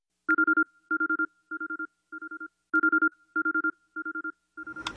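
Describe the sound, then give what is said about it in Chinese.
Radio time signal pips for the Sunshine 1008 (阳光一零零八) time check at 6:25 Beijing time: eight evenly spaced electronic beeps at one steady pitch, in two sets of four, loud and clear with no talking, ending in a brief burst of noise. “阳光一零零八，敬请各位对时。 北京时间6:25。”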